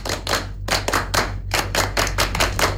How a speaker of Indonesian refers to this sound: Dua kali tepuk pramuka.